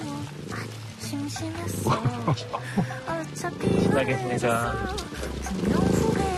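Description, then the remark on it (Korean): A wild cheetah that has settled at a farm growls in low, rumbling bursts that repeat throughout, swelling louder toward the end, while a person talks over the sound. “이 안에서 그름그름 계속 소리를 내고 있는데 언제 덤벼들지 몰라서 굉장히 무서워요 지금.”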